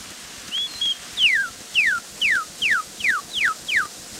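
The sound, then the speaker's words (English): A Kentucky cardinal (redbird) sings on an old cylinder recording from the Belfer archive, over steady hiss: two short rising notes, then seven loud, clear whistles sliding downward in an even, quick series, with no voices. “Kentucky Cardinal or Redbird.”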